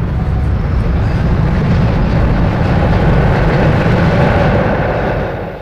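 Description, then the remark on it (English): A loud, continuous low rumble of a train passing at a railway station, its heavy roar steady throughout before easing off slightly at the end. No voices are heard. “Some fine impressions from that railroad station.”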